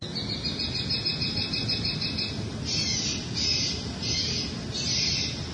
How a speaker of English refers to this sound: The noise machine was viewed as a way to reduce some of the activity that was going on in that location without heavier-handed approaches like law enforcement or fencing, etc. A local resident shared a recording of the bird call.